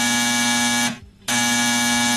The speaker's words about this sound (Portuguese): O telefone tocou.